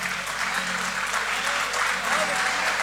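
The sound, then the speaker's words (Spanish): Sustained applause from a live audience for performers who have just played at an evening show, a dense wash of clapping that stays loud and steady throughout, with some faint voices mixed underneath. “Ese aplauso renovado. Arriba, arriba, arriba el aplauso.”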